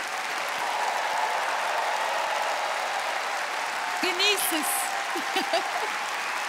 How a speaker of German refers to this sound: Guck mal, das ist dein Applaus.